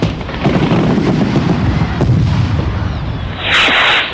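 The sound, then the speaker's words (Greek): A rapid barrage of fireworks bursts, loud booms and crackling pops overlapping continuously, ending with a bright rushing hiss in the final half-second. No voices are heard. “Οι πιο ξεχωριστές εκδηλώσεις της ζωής σας μπορούν να γίνουν ακόμα πιο ιδιαίτερες με τη βοήθεια των πυροτεχνημάτων.”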